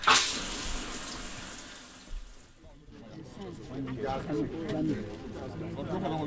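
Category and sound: household object, shower water running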